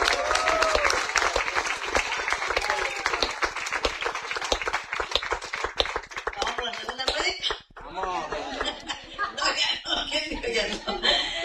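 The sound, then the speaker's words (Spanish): An audience of the church Iglesia Jesucristo Rey de Reyes y Señor de Señores, during its program Cristo Viene Ya, bursts into loud, sustained applause, dense clapping filling the first seven seconds, then tapering as voices and cheers take over with scattered claps continuing underneath. “Denle ese fuerte aplauso, señora.”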